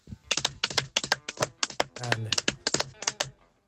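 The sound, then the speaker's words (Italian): A person imitates a galloping horse with a quick run of sharp mouth clicks, about twenty in clustered, uneven bursts that suggest hoofbeats. The clicks are crisp and moderately loud, with no talking. “No, io poesie salti all'indietro, no, ma se può bastare so fare il rumore del cavallo.”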